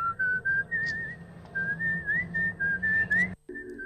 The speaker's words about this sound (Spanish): De ahí viene el silbido.